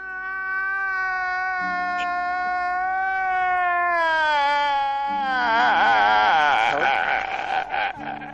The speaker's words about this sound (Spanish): ¡Ay, entiendo tu llanto!